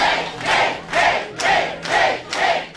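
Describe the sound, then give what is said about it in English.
A large crowd cheers wildly for Kate Conley at her victory rally after the Democratic primary in New York's 17th Congressional District, its roar surging in steady rhythmic bursts like a chant, loud, with no individual voice standing out. “And you can hear the crowd going wild for Kate.”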